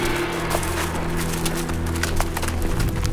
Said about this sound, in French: Le chemin entre précipices et nuages serpente à pic. Les chevaux glissent entre les rochers, parfois